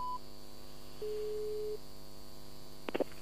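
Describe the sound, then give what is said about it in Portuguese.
A busy tone on a phone line after a dropped call: a brief high beep, then one steady mid-pitched tone lasting under a second, followed by a couple of sharp clicks over a faint electrical hum. “Porquê é que desligaste o telefone ou caiu a chamada?”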